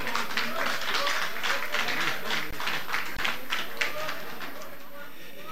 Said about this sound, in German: Bei uns sind die beiden Persönlichkeiten, die kaiserliche Hoheit von Österreich, die Angelika Maria Habsburg-Lothringen-Windsor und ihr Ehemann, der Andreas Habsburg-Lothringen-Windsor anwesend. Applaus, liebe Leute.